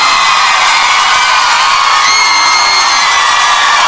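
A large crowd applauds and cheers loudly and continuously, with scattered whoops and shouts rising above a dense wash of clapping.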